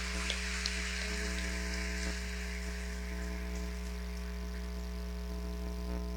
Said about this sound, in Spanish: Demos un fuerte aplauso a todos los padres.